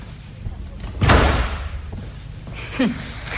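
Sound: door being slammed shut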